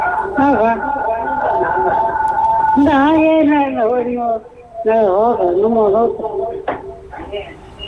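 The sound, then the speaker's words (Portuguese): A radio plays loudly in a phone caller's background, carrying a voice with a wavering, sing-song pitch that runs almost without a break for about eight seconds. “Está com o rádio aí muito alto.”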